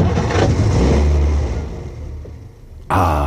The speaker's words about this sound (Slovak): Myslím, že to bude v poriadku, pán profesor. Chcelo to len menšiu údržbu. Počúvajte, ako krásne naskočí motor.